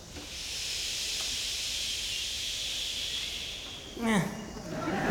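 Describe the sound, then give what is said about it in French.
Half of an audience, split into two parts by the performer, makes a long, steady shushing hiss to imitate the sound of sea waves, holding it for about four seconds before a voice breaks in and talks. “… qui fait faire la mer au public, le son des vagues.”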